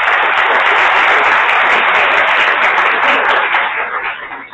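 A crowd applauds steadily, dense overlapping claps at a loud, even level before tapering slightly near the end, applauding to bid farewell to a guest after his interview during a live broadcast.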